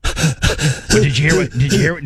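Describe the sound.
A voice imitates someone gasping for breath, a run of ragged, breathy heaves in quick succession, fairly loud, with brief pauses between bursts.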